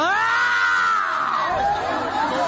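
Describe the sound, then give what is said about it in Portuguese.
A crowd of voices shouts together loudly and continuously during an exorcism, crying for Jesus to burn the demon, with high, strained cries rising and falling over a dense wall of overlapping yelling. “Grita para Jesus queimar ele.”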